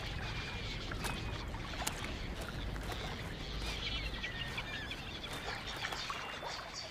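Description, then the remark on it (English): A large flock of thousands of migrating birds arriving in autumn at Futian, Shenzhen Bay, calls continuously, many overlapping chirps and squawks forming a dense, steady chorus over a constant low rumble, with no one speaking. “Every autumn, thousands of birds arrive at Futian.”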